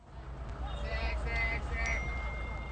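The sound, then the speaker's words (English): A few bright, short electronic phone notification dings ring out in quick succession, fairly soft, over a steady low rumbling hum in the background. “notifications.”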